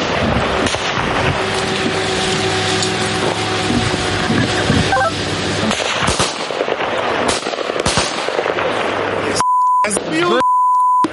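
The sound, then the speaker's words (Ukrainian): A steady, droning buzz of an enemy FPV drone overhead is buried under loud, crackling bursts of gunfire as the crew takes up weapons against it, followed near the end by a few sharp electronic beeps with brief silences between them. “Та вже за лічені хвилини у нас над головами дзищить ворожий FPV.”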